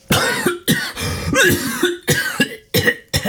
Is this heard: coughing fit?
yes